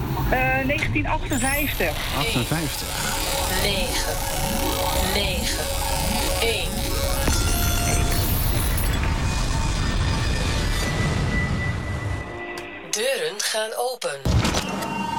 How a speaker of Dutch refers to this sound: Deuren gaan dicht.